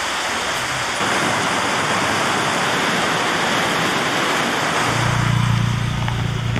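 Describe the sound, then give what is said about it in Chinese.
A sudden rain shower pours down in a dense, steady hiss, fairly loud, with a low rumble joining near the end and no voices. “应该跟赶上突然下雨，我们工作可能要调整一下。”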